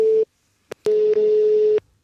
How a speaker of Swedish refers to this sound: Så jag ringer Dennis ännu en gång.